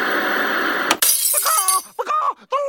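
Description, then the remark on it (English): Studio lights come crashing down with a loud rush of noise, ending in a sharp burst of shattering glass. Excited voices cry out right after the crash. “The lights here in our studio are falling.”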